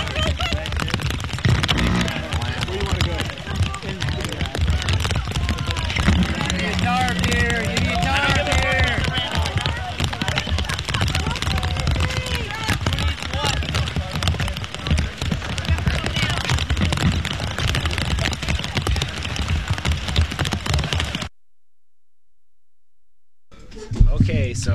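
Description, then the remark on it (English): Heavy rain with giant raindrops pounds down in a loud, dense, crackling patter, voices murmuring beneath it, before the downpour cuts off abruptly near the end. “Giant raindrops.”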